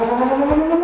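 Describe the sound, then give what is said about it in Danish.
A Danish civil defense warning siren, the signal meaning people should seek information from DR, TV2 or the radio, wails steadily at a loud, sustained pitch, a continuous tone filling the short clip with no voices. “Det er den, der betyder, at du skal søge information.”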